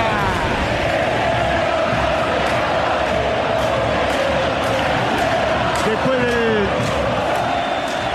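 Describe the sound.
A dense crowd of Racing fans inside the El Cilindro stadium roars and shouts continuously during a Racing versus Boca match, a loud, steady wall of voices with occasional rising yells and whistles cutting through.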